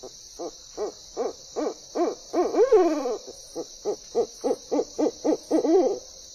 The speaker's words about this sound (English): Owls even help control pests like non-native rodents where people live, all without traps or poison. And they lend their music to our nights.